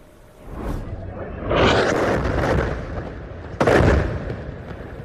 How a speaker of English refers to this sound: That explosion ripping through a building in central Gaza. Residents said an Israeli strike hit the property after its owners were warned to leave the area.